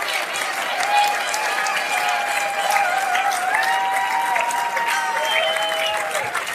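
Steady, dense applause from a large audience fills the whole stretch, a continuous wash of clapping at an even level, with some faint cheering or whistle-like tones riding above it.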